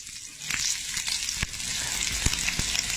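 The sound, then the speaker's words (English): Steady hiss of food sizzling in a frying pan, a dense high crackle that starts up after a brief quiet moment, with a few sharp pops and spatters scattered throughout. “Into the frying pan it goes.”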